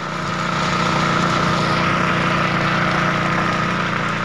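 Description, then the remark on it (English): Heavy fire truck engines run in a steady, unbroken drone, a loud low rumble with a faint whine layered above it that holds constant throughout; the trucks are putting out peat fires in central Kalimantan. “trucks extinguishing these fires keep coming.”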